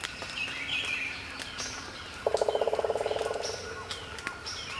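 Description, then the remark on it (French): A woodpecker drums a single rapid roll of evenly spaced knocks that quickens and fades over about a second, ringing out against a soft background of birdsong in the dawn chorus. “tambour des pics.”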